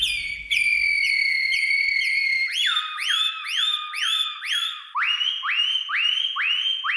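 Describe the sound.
A person whistles an imitation of the song of the Atlantic canary (Serin des Canaries): a high sustained trill, then rapid runs of repeated rising chirps that shift to a slightly lower pitch, loud and continuous without talking.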